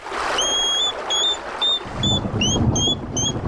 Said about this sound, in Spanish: Pues, por tanto, hablando del erizo, vamos a escuchar el sonido del erizo, que es un sonido bastante curioso que podemos escuchar alguna noche.